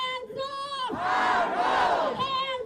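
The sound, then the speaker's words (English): Hundreds of protesters in Tennessee chant "No Jim Crow 2.0" and "shame" in loud, drawn-out shouted syllables as lawmakers meet to approve new congressional maps. The voices swell into a dense roar midway, then settle back into a steadier unison chant. “Hundreds chanted No Jim Crow 2.0 and shame as lawmakers met today to approve new maps splitting Memphis and its majority black voting bloc into three districts, one of which spans nearly 300 miles.”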